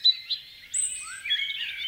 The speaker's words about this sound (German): Zwitschern macht glücklich. Wer Vogelgesängen lauscht, wird entspannter, psychisch gesünder.